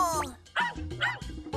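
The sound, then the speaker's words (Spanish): A dog barks several times in quick succession, starting with a rising yelp and followed by four short, sharp woofs of fairly steady loudness. “¡Es un perro!”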